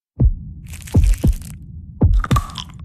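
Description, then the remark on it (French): A heartbeat sound effect in an advert for Pierre Marcolini chocolates in Brussels: deep, booming thumps in paired lub-dub beats at a slow, steady pace, with a crisp, crackly crunching texture layered over the top. “Qui font battre le cœur de Bruxelles.”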